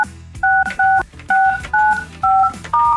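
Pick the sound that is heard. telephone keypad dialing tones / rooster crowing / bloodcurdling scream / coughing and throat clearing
telephone keypad dialing tones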